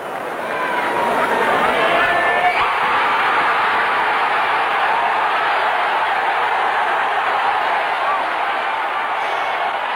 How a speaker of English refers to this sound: As you heard that enthusiasm from the crowd